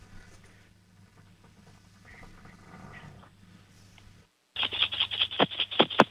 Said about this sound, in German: Und jetzt lauf mal schnell in dein Zimmer und zeig uns deine Sparbüchse. Schüttel die mal kräftig.